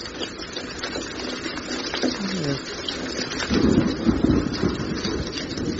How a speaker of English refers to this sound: What's that noise? It's raining.